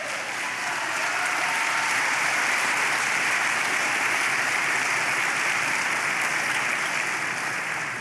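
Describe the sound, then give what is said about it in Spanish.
A large audience claps for the Lord for several seconds, a dense, sustained wash of applause at an even level without any voices breaking through. “Dele palmas al Señor.”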